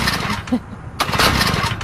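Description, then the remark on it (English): A small lawnmower engine cranks and sputters in rough bursts as someone tries to get it going, coughing briefly without catching. It is fairly loud, with a sharp surge about halfway through. “trying to get his lawnmower going.”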